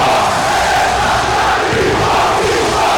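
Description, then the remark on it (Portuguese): A large stadium crowd of Leão supporters chants in unison, the chant led by Magrão, the club's idol goalkeeper; a dense, loud roar of many voices that stays steady for the whole three seconds without a break. “Você tá ouvindo aí a voz do Magrão no casar.”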